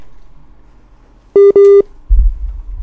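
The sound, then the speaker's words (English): Two quick telephone dialing tones beep in succession as a radio phone-in line connects to the next caller on WhatsApp, clear and fairly loud against a quiet background, followed by a low rumbling noise. “Mr. Diplomatic Niger Delta Man, you're next on my call”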